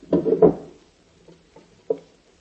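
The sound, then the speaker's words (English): The wooden drawers of a chest of drawers being yanked open during a search of a room: a cluster of heavy, rattling thumps, then a few softer clunks and one last sharp knock, with no voices. “You take that chest of drawers, and I'll pull the bed apart.”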